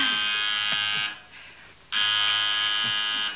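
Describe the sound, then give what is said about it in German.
A telephone rings in two loud, buzzy bursts separated by a short pause, each a steady, harsh electric trill lasting about a second. “Telefon. Soll ich?”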